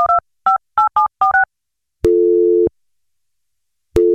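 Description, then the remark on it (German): A quick series of about seven touch-tone dialing beeps, followed by a loud, steady, low telephone call tone lasting over half a second, then another begins after a pause. “Also ich habe die Tür gehört, den Anruf natürlich”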